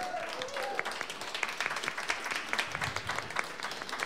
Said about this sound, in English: But how about one more round of applause for Rodney Rice, the first half of the show here today.